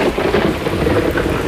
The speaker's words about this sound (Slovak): A dážď sa zberá, a vietor naberá na sile. Dážď šibe do očí, že ledva vidieť na krok dopredu.